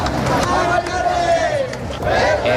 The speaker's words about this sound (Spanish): Sonido de la protesta que ha arrancado a las 6:30 de la tarde en la Puerta del Sol y que se ha desplazado hasta el Congreso de los Diputados.